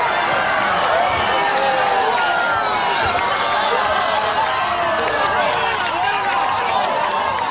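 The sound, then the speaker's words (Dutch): A large crowd cheers and shouts at a spectacular natural phenomenon, people holding each other, many overlapping voices blending into a steady, loud roar that holds for the whole stretch without pausing. “Mensen juichen, ze houden elkaar ook eventjes vast, zie ik.”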